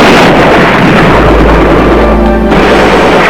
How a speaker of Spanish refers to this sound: Luego, un día, apenas amaneciendo, que oímos los balazos, pero bien duro. Ni sabíamos qué hacer.